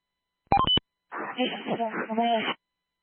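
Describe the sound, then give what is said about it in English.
A quick burst of three or four crisp telephone keypad dialing tones as someone places a call, followed after a short pause by a person talking. “give them a call”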